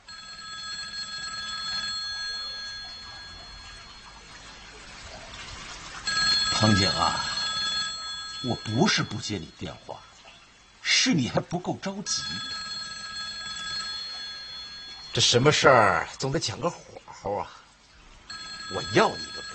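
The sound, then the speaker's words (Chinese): A telephone bell rings on and on throughout, a steady metallic trill that never stops, deliberately left unanswered, while a man's voice speaks over it in several bursts. “我不是不接你电话，是你还不够着急。”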